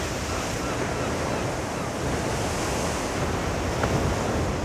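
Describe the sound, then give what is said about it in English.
Continuous roar of North Atlantic surf breaking along a frothy shoreline, a dense, steady wash of foamy noise with a slight swell near the end, mixed with some wind. “The frothy shoreline of the North Atlantic is not the only habitat populated by sea eagles.”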